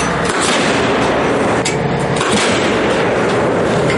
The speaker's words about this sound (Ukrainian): Загалом у бік рашистів підряд вилітає до десятка 155-міліметрових снарядів.